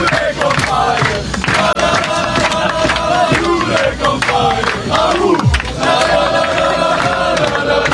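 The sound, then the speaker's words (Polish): A group of U21 national team footballers, Jerzy Brzęczek's squad, shouts and cheers together in loud, sustained celebration of a European Championship qualifying win, voices overlapping into a continuous rowdy roar with chant-like rising and falling tones and occasional sharp whoops. “Zespół Jerzego Brzęczka jest ostatnio nie do zatrzymania, a zaufanie do selekcjonera piłkarze pokazali fetując wczorajszą wygraną.”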